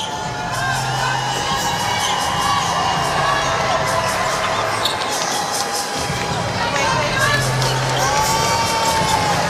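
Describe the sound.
A large indoor crowd at the Hydro arena cheers and roars continuously during a game, a dense wash of voices with scattered shouts and a few bouncing-ball thuds, loud and reverberant throughout.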